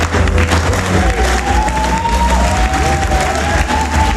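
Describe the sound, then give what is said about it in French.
A crowd of about 900 people claps loudly and steadily throughout, with some cheering, while music plays underneath with a sustained melody and a low bass. Olivier Galdier, mayor of Avignon, arrives on stage to launch his movement Le Bon Sens des Territoires. “Sur fond musical et sous les applaudissements, Olivier Galdier arrive sur scène.”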